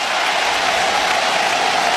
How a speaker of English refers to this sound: Well, the crowd rising in Atlanta. They'd like another strikeout.